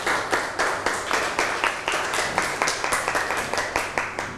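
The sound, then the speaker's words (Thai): A group of classmates in a classroom applauds a group that has just presented on the Tak Bat Devo alms-giving tradition, the claps landing in a steady, fairly unified rhythm of several per second. The clapping is loud and continuous, with no talking over it. “นั่งลงครับปรบมือให้เพื่อนหน่อย”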